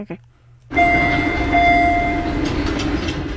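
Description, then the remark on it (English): A Red Line subway train chime: two steady, sustained pitched tones ring out over the loud, continuous rumble and hiss of a train, starting abruptly after a brief quiet moment. “Jeez, that's a red line.”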